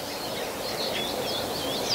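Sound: birdsong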